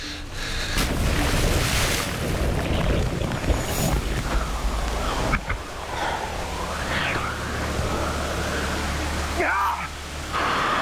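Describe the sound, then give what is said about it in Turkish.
Loud, steady roar of a rushing river by a waterfall in the Himalayas, a dense continuous wash of noise, with a voice faintly cutting through now and then. “İşte bu beni çok korkuttu. Şelaleden aşağı sürükleneceğimi düşündüm.”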